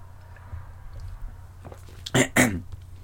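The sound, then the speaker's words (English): Two short slurping sips of coffee in quick succession, breaking a quiet stretch that carries only a low steady hum. “I'm just going to take a sip of my coffee.”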